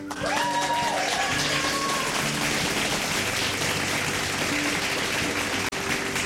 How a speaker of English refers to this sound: A round of applause